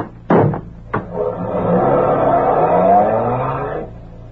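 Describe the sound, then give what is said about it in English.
Two sharp thumps like car doors shutting, then a car engine revs up with a climbing pitch as it accelerates away. No one speaks. “Is that car there?”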